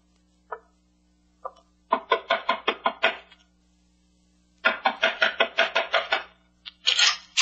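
Knocking on a door: two single raps, then a rapid burst of about eight firm knocks, a pause, and another quick run of loud knocks over a low steady hum.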